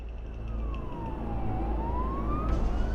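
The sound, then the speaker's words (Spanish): A fire truck siren wails in a slow sweep, falling then rising in pitch, over a steady low rumble of engines and traffic, moderately loud, with no voices, as firefighters head out in trucks as reinforcements to a fire. “Así que prácticamente todo el personal subió a los camiones para unirse a sus compañeros.”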